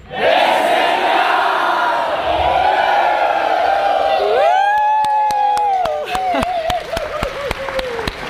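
A large crowd of revelers cheers and shouts loudly, then the voices swell into long, rising whoops while sharp, scattered claps punctuate the noise until the end.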